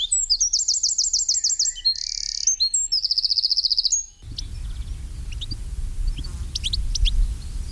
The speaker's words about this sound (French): Le troglodyte mignon, c'est le numéro 15. Alors, un petit oiseau très commun, qu'on peut voir aussi bien dans les bois que dans les maisons, les jardins. Dès qu'il y a des buissons, bien, le troglodyte est là.